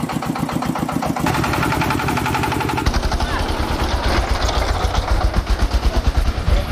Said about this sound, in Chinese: 1个多小时以后，大家才把货车上的草料全部转运到拖拉机上。天彻底黑了下来，4台拖拉机开始上路。